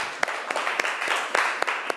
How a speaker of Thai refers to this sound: ปรบมือให้เพื่อนหน่อยลูก